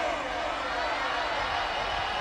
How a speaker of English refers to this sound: We want a round of applause for a DJ from KRUD Radio.